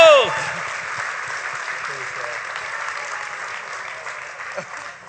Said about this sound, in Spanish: ¡Vamos, ese aplauso!